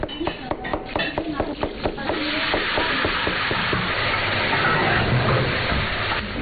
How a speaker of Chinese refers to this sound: 午饭时分，村里一对夫妻开的农家乐里飘出了饭菜香，主人在厨房里忙得脚不沾地，锅里滋滋作响。